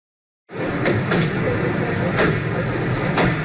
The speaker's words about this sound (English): Everyday sounds of car doors opening and men chatting. But the news video from 1995 shows a scene far less ordinary. Serbian President Slobodan Milosevic arriving at a historic meeting on a U.S. Air Force base near Dayton, Ohio.